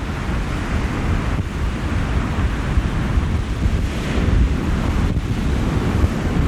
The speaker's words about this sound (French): Ouf, les grosses vagues du Prado qui font bouger mon micro.